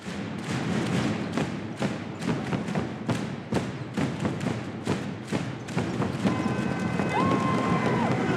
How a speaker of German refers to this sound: Mit jedem Schlag auf die Trommel lassen sie auch ein bisschen Dampf ab.